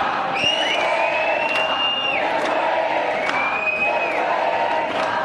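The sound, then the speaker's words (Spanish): A large protest crowd near the Spanish Parliament shouts "shame" ("vergüenza") in unison over a vote that has just ended inside, with long drawn-out chanted cries rising and falling over a dense, continuous roar of voices, loud throughout. “Gritos de vergüenza, Rafael, de vergüenza por la votación que acaba de terminar ahora dentro del Parlamento español”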